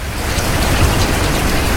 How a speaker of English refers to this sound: Oh no. It started to rain.